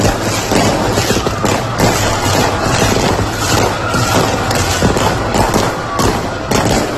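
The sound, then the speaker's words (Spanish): A dense, continuous barrage of fireworks exploding in the night sky over Roquetas de Mar, Andalusia, loud, with rapid overlapping bangs and crackles filling the whole stretch, and faint crowd noise mixed underneath. “Y Alex Baena, de Roquetas de Mar, donde anoche los fuegos artificiales tomaron el cielo.”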